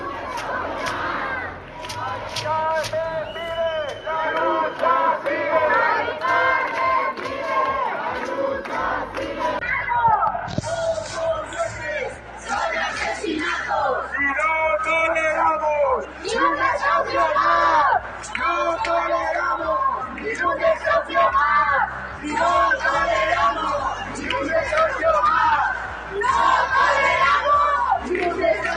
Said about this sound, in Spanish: ¿Podemos escuchar lo que gritan? A ver contra quién gritan, a ver, vamos.